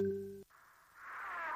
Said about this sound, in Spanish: Después de la señal, déjanos un mensaje en WhatsApp.